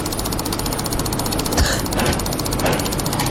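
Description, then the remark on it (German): Extremely rapid computer mouse clicking from a world record of over 700 clicks in 60 seconds, a steady buzzing rattle of clicks running together at a fast, even rhythm for the whole stretch, with a few slightly louder bursts along the way. “Und jetzt, Achtung, er hat es geschafft, in 60 Sekunden über 700 Mal die Maus zu klicken.”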